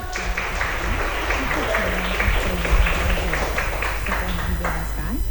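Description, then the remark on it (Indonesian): A crowd applauds steadily with dense, crackling clapping that holds at an even level for several seconds, while a voice talks over the top of it. “Oke, kita berikan tepuk tangan sekali lagi dong.”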